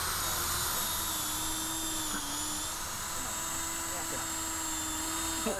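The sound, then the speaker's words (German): An electric drill whines steadily and loudly, boring holes of different sizes into wood for a bee hotel without a pause for several seconds, with a faint murmur of voices underneath. “6, 8 und dann habe ich noch einen 4er-Bohrer, dass wir dann nachher, wenn wir eine gebohrt haben, dass wir dann nochmal umstellen.”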